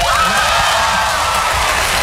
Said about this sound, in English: What? No, come on. No, don't applaud. Don't applaud. It's no big deal. But it's neat.